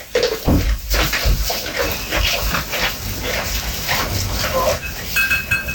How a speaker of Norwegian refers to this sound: Det er da de fantastiske geitene til Lars som er ute og, eller kanskje er inne i en låve, stall og, ja, og spiser og koser seg.